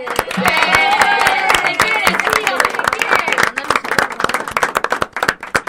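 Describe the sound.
An audience at a school event breaks into steady applause for a student's mother, many hands clapping in a dense, crackling patter that thins toward the end, with cheering voices mixed in early on.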